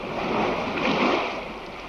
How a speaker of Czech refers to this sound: Slyšíš, jak vlny hučí?